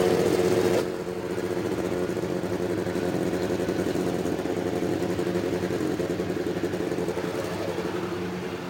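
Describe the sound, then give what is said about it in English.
A field of 33 race car engines, lined up in 11 rows of three on the main straightaway, fires up and settles into a loud, continuous rumbling drone, many low engine tones layered together and holding steady, with no talking. “And there it is, the start of the 33 engines up and down the main straightaway.”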